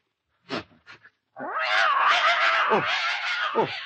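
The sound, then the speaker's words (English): A cat poisoned by drinking milk lets out a couple of short, sharp sounds, then breaks into a long, loud, wavering yowl that rises and falls for several seconds, unaccompanied by speech. “Rabbi, your cat has been poisoned.”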